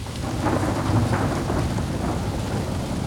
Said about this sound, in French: Oh! Une bourrasque de vent a emporté l'escargot! Escargot! Escargot!